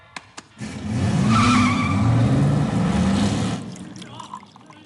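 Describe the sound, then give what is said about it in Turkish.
A car being taken for a test drive roars away with tires squealing and skidding, a loud sustained screech rising in pitch over engine noise for about three seconds before fading out, preceded by a couple of sharp clicks. “E'yi test sürüşüne götürüyorum.”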